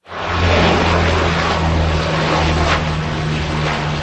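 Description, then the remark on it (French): A firefighting water-bomber plane roars by overhead during a wildfire in Gironde, France, near Lège-Cap-Ferret. Its heavy propeller engines produce a loud, steady droning hum throughout, with no voices. “La lutte contre le feu vient entre autres du ciel. Des avions, dont des Canadair, effectuent des largages sur de larges zones.”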